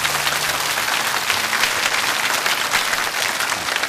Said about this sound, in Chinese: 掌声鼓励一下。